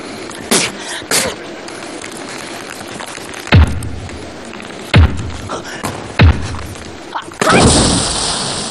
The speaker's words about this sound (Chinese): 搞定！ 这怎么墙砸的？